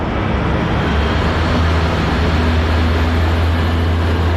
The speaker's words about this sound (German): Ein Radpanzer und mehrere Lastwagen fahren vor.